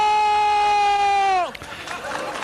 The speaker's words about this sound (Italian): Dall'applauso finale di questo spezzone degli anni Ottanta si capisce già la popolarità di cui ha goduto per tutta la sua vita Giorgio Bracardi,